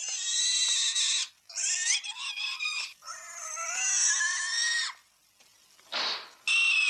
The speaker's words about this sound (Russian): И откуда у вас свинья?